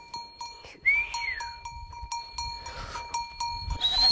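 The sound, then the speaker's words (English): A moving flock of goats or sheep on the northern Xizang Plateau, over 4,500 meters above sea level, with steady bells ringing and clinking throughout, two sliding whistles from a young boy swinging a rope to guide the flock, and soft shuffling and faint bleats underneath. “A young boy whistles as he swings a rope, guiding the flock forward.”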